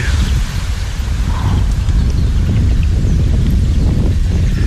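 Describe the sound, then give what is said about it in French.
Steady wind buffets the microphone outdoors, a loud low rumbling roar that fills the whole stretch with gusty, uneven bursts. “Non, bouge pas, il y a du vent.”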